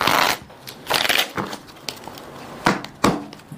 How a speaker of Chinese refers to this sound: 那接下来呢，我们要做的事情呢，就是把它这样的去切乱。好，来帮我切一下。OK， 好，这个还切还不够乱，那咱们得去这样去洗牌。